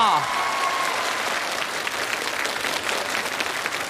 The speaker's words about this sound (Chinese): 让我们把掌声送给我们的阿卡贝拉，这将是载入他们这个组合史册的一次演唱，五个人对着五个杯子。